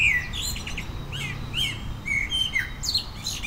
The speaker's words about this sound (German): Die Amsel ist auf Platz 1. So, da sehen wir sie und wir hören sie jetzt auch.